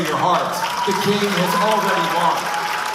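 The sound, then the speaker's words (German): Participants at a Turning Point USA event in a hall at GW University cheer and applaud Posobiec steadily for a few seconds, a dense, continuous roar of voices and clapping with shouts rising through it. “Sagt Posobiec zum Jubel der Teilnehmer, der lauter klingt, als er ist.”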